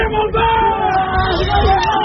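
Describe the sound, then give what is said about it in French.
A loud crowd cheers and yells without pause as exam results are posted in the courtyard of the Lycée Baggio in Lille, many voices blending into a dense roar with a few sustained shouts rising above it for about two seconds. “Le volume sonore augmente chaque fois qu'un candidat se retrouve sur les feuilles. Ça commence doucement et puis ça monte.”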